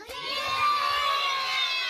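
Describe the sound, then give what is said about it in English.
A busload of excited children on a trip to the coastal city of Yantai shouts and cheers together as the blue shoreline comes into view, voices overlapping in a steady, loud burst of high-pitched cries for the whole moment. “When the blue shoreline finally came into view, the bus erupted with gasps.”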